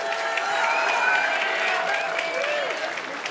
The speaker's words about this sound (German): Das ist euer Applaus.